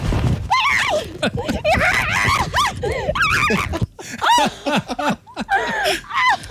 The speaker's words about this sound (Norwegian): Men hun blir altså med på ferden da. Hun gir seg ikke den sauen der. Skal ha sin medisin. Bare hør det her.